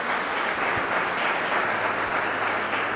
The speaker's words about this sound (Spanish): ¿Cuántos lo podemos creer, iglesia? Entonces, déselo fuerte el aplauso a Dios.